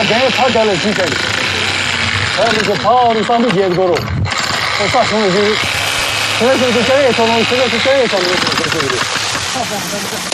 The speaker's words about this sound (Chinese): 在风化岩上造林是南北山绿化中最硬核的技术挑战之一。风化岩虽然质地松散，但还是需要用电钻来挖凿树坑。